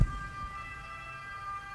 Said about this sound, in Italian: Ma questa è una sirena.